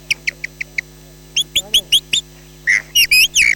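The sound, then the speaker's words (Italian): At a bird fair, a bird-call imitator using mouth and throat whistles an imitation of a blackbird's song at dawn: a run of quick, evenly spaced high chirps, then several louder, warbling, sliding phrases, clear over a faint steady hum. “E adesso vi faccio sentire il merlo all'alba.”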